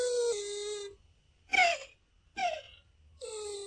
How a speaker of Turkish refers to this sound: Duyduğunuz bir kara kaplumbağasının sesi. Kükrüyor, homurdanıyor, mırıldanıyor, bazen de inliyor. 200 milyon yıl önce dinozorlarla birlikte yaşayan kara kaplumbağası dünyadaki en eski canlılardan biri.